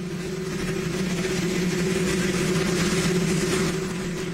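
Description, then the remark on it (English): Continuous radio static heard as President Trump cut the ribbon on a new White House helipad without pool coverage: a dense, even hiss over a steady low droning hum, holding the same loudness throughout with no voices. “And when President Trump cut the ribbon on a new White House helipad without the pool coverage, all that could be heard was this static.”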